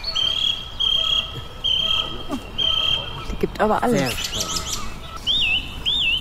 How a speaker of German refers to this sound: die Singdrossel kann man immer ganz gut daran erkennen, dass sie ihre Motive immer mehrfach wiederholt